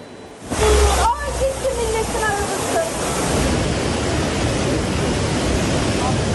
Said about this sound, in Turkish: Kocaeli'de akıntıya kapılan bir kişiden haber alınamıyor. Sağanak nedeniyle birçok kentte cadde ve sokaklar suya gömüldü. Mahsur kalanlar oldu.